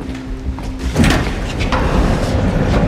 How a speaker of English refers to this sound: She slides open the door and disappears into the gloom.